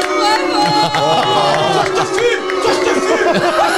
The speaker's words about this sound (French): On vous applaudit bah, aussi parce que vous êtes trop sympa.